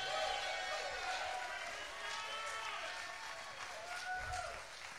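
A crowd applauds steadily for about five seconds, a dense wash of clapping with scattered cheers and whoops over it, holding at an even, fairly loud level throughout.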